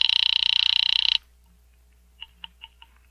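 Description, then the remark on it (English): A telephone rings Miss Blake's apartment, called from a pay phone booth through the switchboard: one loud, rapidly trilling buzz lasting about a second, then silence and four short, quieter chirps in quick succession. No one speaks. “I'm ringing Miss Blake's apartment.”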